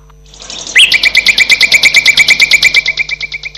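Birds screeching in a fast, steady series of harsh repeated calls that begin abruptly and continue loudly without pause, with no voices present.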